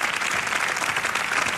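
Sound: audience applause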